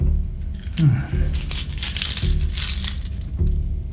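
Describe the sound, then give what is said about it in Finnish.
Keys to a consulate, found in the consulate's yard, jangle in a few quick metallic bursts, fairly loud, with a low muffled rumble of background noise beneath them. “Kato, kun me löydettiin nämä avaimet konsulaatin pihalta.”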